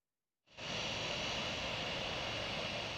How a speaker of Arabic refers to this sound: هذا ورصد مراسل تلفزيون سوريا هبوط أول طائرة في مطار دير الزور الدولي لرحلة داخلية قادمة من دمشق